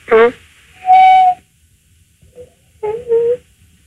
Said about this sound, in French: Est-ce que vous l'entendez ? Je l'ai entendu, là, oui. Je dois parler doucement. C'est un perroquet, hein ?